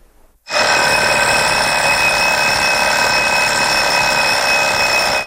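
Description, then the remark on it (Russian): An alarm clock rings loudly and continuously, a harsh metallic bell starting abruptly after a brief quiet moment and sustaining without pause, bright with no talking. “Я знаю, по ком звонит будильник. Он звонит по тебе, Андре.”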